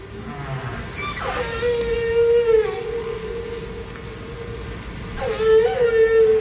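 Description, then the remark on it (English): Long, eerie humpback whale calls: drawn-out tonal moans that hold steady, then swoop and slide in pitch, repeating twice over a low rumbling background with no talking. “But if you replaced all of those ships and boats that are here right now with humpback whales, this place was a different scene 100 years plus ago.”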